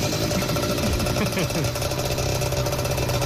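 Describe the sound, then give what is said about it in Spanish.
A small motorbike engine runs steadily at midnight, its noise coming in from outside, a buzzing, rattling drone with a brief wavering rev early on, continuing without pause for the whole few seconds. “Medianoche. La motito.”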